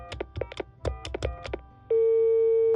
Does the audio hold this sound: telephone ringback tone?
yes